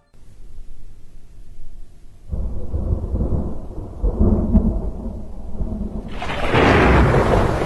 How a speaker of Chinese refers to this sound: 又是一个雷雨夜